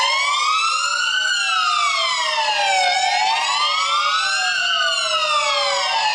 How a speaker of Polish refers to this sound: To właśnie dźwięk pojazdu uprzywilejowanego. Jak się należy zachować, gdy słyszymy taki dźwięk?